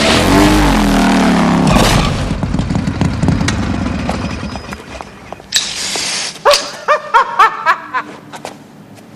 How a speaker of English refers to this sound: The dentist crashes into a wall on his motorcycle.